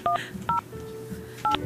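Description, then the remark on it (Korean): Three short, loud telephone keypad dialing tones, each a crisp dual-pitched beep, spaced irregularly across under two seconds with a faint low hum between them and no talking, as a radio host dials a listener during a live broadcast. “시간이 얼마 남지 않았지만 전화를 한번 해볼게요.”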